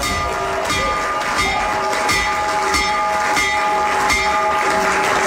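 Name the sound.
bell being rung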